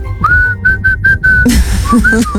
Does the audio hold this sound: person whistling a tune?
yes